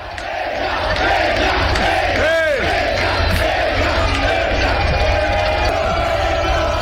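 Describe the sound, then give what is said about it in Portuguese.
A dense, loud crowd of Vasco da Gama football fans chanting and shouting together at the team's hotel before the Copa Sul-Americana semifinal against Boca, a continuous roar of many voices with one rising whoop cutting through the din midway. “Vamos ouvir um pouquinho da torcida.”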